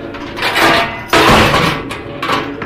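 A heavy door in a dark hall is slammed shut violently by a man in a black tunic, a loud, sudden bang, followed by a booming rumble that lingers after a dense, noisy build-up; no voices are heard.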